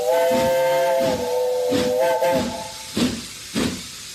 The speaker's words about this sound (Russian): И как-то совсем иначе, радостно и как будто испуганно, звонко крикнул паровоз, трогаясь в путь.